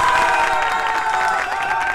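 A crowd applauds steadily for two seconds on Radio Disney, dense clapping blended with high cheers and whistles, loud and even throughout with no one speaking.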